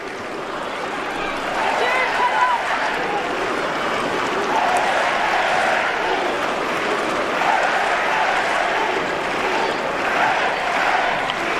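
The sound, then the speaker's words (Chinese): A large crowd of many Chinese spectators at Yves-du-Manoir Stadium roars and cheers steadily for the Chinese women's team in a match against Belgium, a dense wash of many voices at constant loudness with no clear pauses or individual shouts standing out. “今天在伊夫迪马努瓦尔体育场还是来了很多的中国的观众来为姑娘们加油呐喊。”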